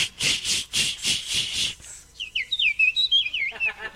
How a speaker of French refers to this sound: Et ça, c'est qui, ça? C'est la petite fauvette à tête noire. Ouais, mais moi, j'avais pas vu qu'elle avait la tête noire.